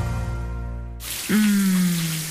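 A steady hiss of shower water bursts on after a sustained musical tone cuts off, joined near the end by a brief low droning hum.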